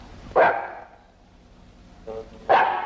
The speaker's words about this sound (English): Well, there's your dog anyhow. You better call him. Come here, Tiny.